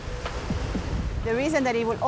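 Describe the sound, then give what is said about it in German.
Ocean waves breaking on a reef at Klitmöller in the evening, around sunset, make a steady, low, rushing wash of surf, and then a person starts talking over the continuing roar. “Auch auf die Wellen hier ist Verlass.”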